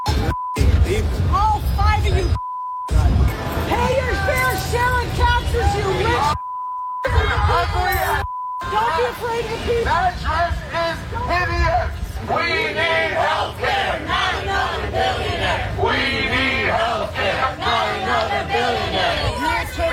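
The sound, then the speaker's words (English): A crowd of protesters outside a Manhattan Institute event screams and yells at formally dressed attendees in loud, overlapping shouts, with a few brief bleep tones and short gaps cutting in during the first half. “There was an event recently, the Manhattan Institute, which is this Republican think tank, and people were just dressed up in their formal outfits and they were going out, and there were protesters outside screaming at them.”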